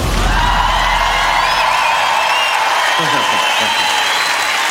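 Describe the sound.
A large crowd applauds and cheers in a steady, dense roar that holds at full loudness for the whole stretch, with shouts and voices rising out of the noise now and then.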